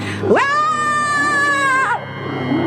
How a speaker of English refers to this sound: Ah! Ah! There it was again. Away up amongst the caves, a hideous howl. Was it human, subhuman, superhuman? The sound carried clearly over the calm water.